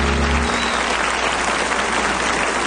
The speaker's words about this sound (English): A well-deserved, warm round of applause and appreciation for a man, well, when it comes to my kind of music, maybe yours too.